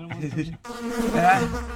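Flies buzzing, a steady droning hum that breaks off briefly and then resumes, wavering slightly in pitch, with no one speaking.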